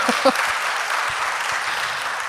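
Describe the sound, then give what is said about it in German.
An audience applauds in a steady, dense wash of clapping that holds at an even level throughout, with a brief voice at the start. “Aber ihr habt den Applaus verdient.”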